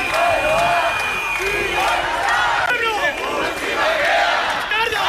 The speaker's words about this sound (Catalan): I això que sentiu són 2.000 persones, segons la policia municipal de Bilbao, que es van manifestar ahir contra l'actuació de l'Ertzaintza dissabte a l'arribada dels membres de la flotilla a Bilbao.